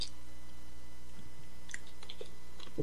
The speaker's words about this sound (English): Let me take a little slurp here. A little slurp of water.